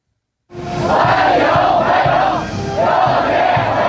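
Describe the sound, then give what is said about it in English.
A large group of Chinese teenagers chants "welcome" together in unison, loud and steady, waving Chinese and American flags as they greet President Trump on his arrival in Beijing. The rhythmic shouts repeat in regular waves that swell and fall over a dense crowd roar. “And that's the sound of Chinese teenagers chanting welcome, waving Chinese and American flags in unison, greeting President Trump on his arrival in Beijing this morning for talks with Chinese President Xi Jinping, which are expected to be difficult.”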